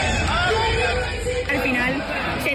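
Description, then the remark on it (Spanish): A dense protest crowd in Spain demanding the right to decent housing shouts and yells together, a loud, continuous roar of many voices with rising cries cutting through the din, unbroken throughout. “Nos lleva a la rabia y nos lleva a salir y a estar hoy aquí luchando y gritando pues por lo que creemos.”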